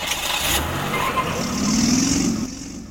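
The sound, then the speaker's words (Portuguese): Car engines rumble steadily in busy street traffic in the town of Codó, one vehicle revving and passing with a rising hum before the noise drops off; no one speaks. “você vai acompanhar agora como é que está uma parte do trânsito do município de Codó.”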